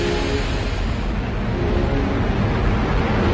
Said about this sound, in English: It's something astrobiologist Mikhaila Musilova thinks about whenever she sees a rocket taking off. 5, 4, engine ignition, 2, 1, 0.